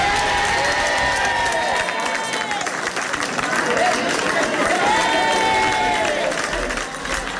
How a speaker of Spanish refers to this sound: Los vecinos de este último municipio han recibido con un clamoroso aplauso este anuncio.